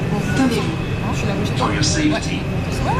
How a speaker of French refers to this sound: Alors, on rentre dans le métro, direction, on s'arrête où? À Ouchy. Ah, Ouchy, ouais.